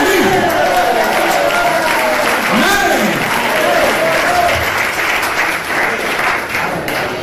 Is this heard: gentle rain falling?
no